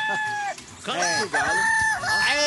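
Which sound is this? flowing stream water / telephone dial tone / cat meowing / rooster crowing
rooster crowing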